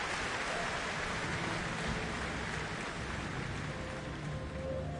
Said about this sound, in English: Earning a very warm applause here for their cultural exchange gesture.